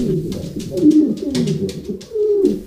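Pigeons coo continuously, overlapping low throaty burbling calls rising and falling for the whole stretch, with soft rustling in the background.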